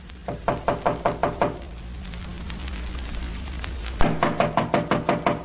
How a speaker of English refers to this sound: Wait, I'll knock.